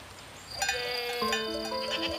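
sheep bleating

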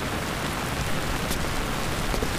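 rain falling

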